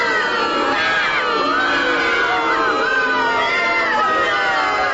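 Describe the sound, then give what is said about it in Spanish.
A large crowd booing loudly and continuously, many voices overlapping in a sustained, jeering roar that fills the whole stretch without pause. “Sí, me merezco el más grande de sus abucheos, muchos.”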